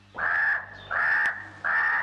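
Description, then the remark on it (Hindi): A crow caws three times in a steady rhythm, each call harsh, rasping and fairly loud, with short pauses between them and no voices. “मैं हूँ काला कौवा, मैं हूँ काला कौवा, दूर दूर तक उड़कर जाता, सारी खबरें लेकर आता, काव काव कर गाना गाता, सबके मन को खुश कर जाता।”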